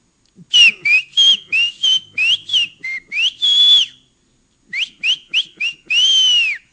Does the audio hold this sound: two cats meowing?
no